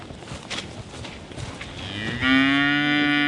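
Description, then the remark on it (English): A Hereford cow lets out a single long, loud moo, a low drawn-out bellow with a rich harmonic tone that swells after a moment of quiet outdoor background noise and holds steady to the end. “And the Hereford's the last of the last stock that we'll be eating her next year.”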